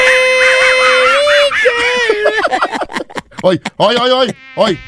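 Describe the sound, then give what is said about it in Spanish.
A voice in a radio booth at La Qué Buena makes a high, thin, wavering buzz that mimics a mosquito's whine, sliding up and down in pitch, then breaks into choppy, warbling bursts. “Estoy yo cantando, no es un zancudo.”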